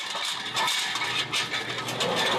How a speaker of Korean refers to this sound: 이제 삶아서 식혀둔 국밥용 고기를 썰어야 하는데요. 이게 고기 쓰는 기계, 고기 얇게 쓰는 기계, 국밥용 기계로 나온 거예요. 국밥에 들어갈 돼지고기는 얇게 썰어야 해 기계의 도움을 받습니다.